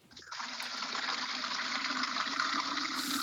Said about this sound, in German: Das fülle ich auf einem Behälter aus, ich kübel das Wasser und tauche den Kübel zu den Bäumen hin.